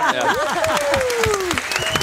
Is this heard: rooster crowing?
no